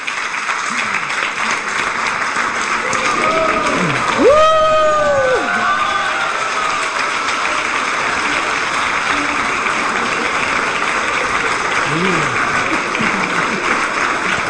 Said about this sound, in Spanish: Fuerte aplauso para ella, maravillosa cantante.